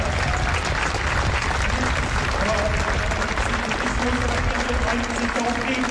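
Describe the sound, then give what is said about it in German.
Steady, dense applause from a crowd of hundreds gathered on the Alter Markt in Potsdam to commemorate the victims of a suspected Islamist attack at the edge of the CSD, sustained and loud throughout, with a murmur of voices mixed into the clapping and occasional faint tones beneath. “Genau so klang das vorhin in Potsdam auf dem Alten Markt. Da haben sich eben gerade wirklich hunderte Menschen versammelt, um den Opfern des mutmaßlich islamistischen Anschlags Samstagabend am Rande des CSD zu gedenken.”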